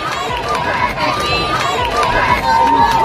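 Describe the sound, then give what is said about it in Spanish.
A large crowd in the streets of Madrid shouts and cheers for the Pope's visit, calling "Juventud del Papa, ¡viva el Papa!" on a hot, sunny day. A dense, loud wall of overlapping voices rises and falls steadily for the whole few seconds, with some individual calls standing out. “Son los gritos que le han acompañado desde su llegada ayer a Madrid, hoy con mucho más calor para los que llevan desde primerísima hora de la mañana en la calle.”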